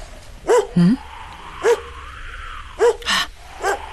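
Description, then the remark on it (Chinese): A dog barks sharply and aggressively several times in irregular bursts, some barks doubled, loud against a faint steady background hum, in a courtyard in a rural village in the Weibei area of Guanzhong, Shaanxi. “是啊，狗叫的这么凶，我得去看看。”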